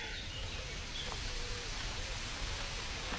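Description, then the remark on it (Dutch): A steady, rushing wash of running water from a flowing brook in the village of Beek near Nijmegen, Netherlands, fills the whole clip, with a faint blackcap call briefly audible in the background. “Het geluid van een stromende beek in het dorp Beek.”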